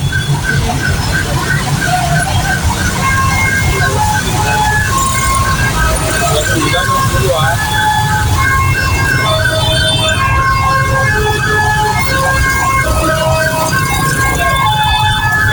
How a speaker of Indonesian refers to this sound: Telah terjadi kecelakaan di area Muharto, Gang 7. Oh, oke. Wait, wait, wait, wait. Ambulan sudah datang.